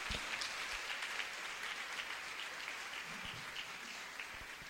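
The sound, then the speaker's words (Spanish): A church audience claps steadily in applause for the Lord Jesus Christ, a dense, continuous wash of many hands that holds at an even loudness for several seconds, with no voices on top. “Denle el aplauso fuerte a mi Señor Jesucristo.”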